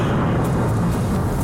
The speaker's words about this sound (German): Mit Donner und ganz viel Wasser.